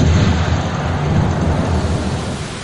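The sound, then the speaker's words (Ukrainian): A heavy, loud artillery gun shot in Bakhmut rolls out as a sustained, deep rumble that holds steady for a few seconds before easing slightly at the end, with no voices over it. “Постріл.”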